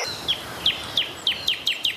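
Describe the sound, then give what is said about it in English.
A bird sound effect played on Brisbane radio station 4BC: a bird repeats a sharp, high chirp about seven times in quick succession, the calls coming slightly faster toward the end, clear over a faint background hiss. “Here's the sound effect of the birds and the monkey.”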